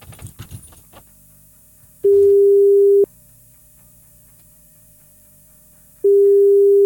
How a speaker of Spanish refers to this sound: Llamando, a ver. Ahí está, llamando.